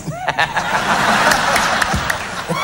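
A crowd claps steadily for a few seconds, a dense, even patter of many hands with a few sharper claps standing out, and faint voices or laughter mixed in.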